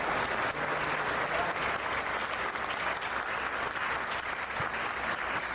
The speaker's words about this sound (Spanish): y un aplauso especial pedimos para el joven estudiante que ha dado una palabra.